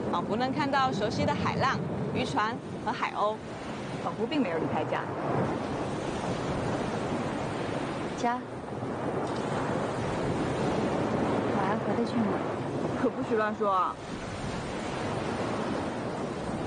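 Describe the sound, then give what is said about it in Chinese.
A steady, loud wash of sea waves breaking on the shore at a seaside spot near Hsinchu fills the whole stretch. Sharp high calls cut through every few seconds. “仿佛能看到熟悉的海浪、渔船和海鸥，仿佛并没有离开家。”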